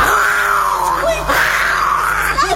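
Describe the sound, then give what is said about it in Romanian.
A voice imitates a lion's roar with one long, loud, wavering cry that sits fairly high in pitch and rises and falls slightly, holding for the whole clip. “Nici o mișcare până când nu auzi strigătul leului, așa.”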